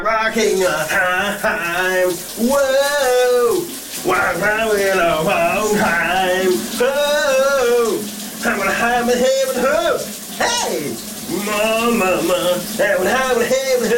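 A man sings a lively summer hit in long, wavering phrases with short pauses, in a shower cabin, over a steady hiss of running shower water that fills the whole recording.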